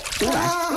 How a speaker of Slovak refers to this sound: Vodička. Nešpliechaj ma, nešpliechaj. To už celkom stačí. Som čistý.